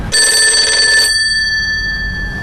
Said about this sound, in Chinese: 应该是曾可达同志打过来的。明白，我先接着电话。